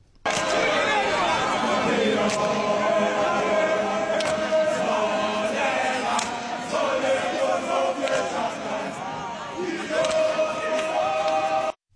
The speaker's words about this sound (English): And on the Bafana official Instagram, they had a video with a little bit of cheering as the players walked in, and I thought, let's just play it to cheer us up.